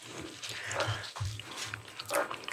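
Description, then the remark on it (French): Wet chewing and mouth noises from people eating cheesecake made with half goat cheese and half Philadelphia cheese, with soft smacking and crunchy bursts over a low rumble and no clear speech. “Excusez-nous, on est en train de manger.”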